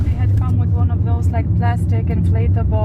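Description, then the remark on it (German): A steady, low engine rumble fills the cabin of a moving car carrying activists of the Flamingo Revolution protest movement to a protest in the city centre, heard from inside, with voices talking continuously over the drone. “Nach einem kurzen Stopp geht's weiter. Die Aktivistinnen und Aktivisten im Auto gehören alle seit Tag 1 der Protestbewegung an, die mittlerweile Flamingo-Revolution heißt.”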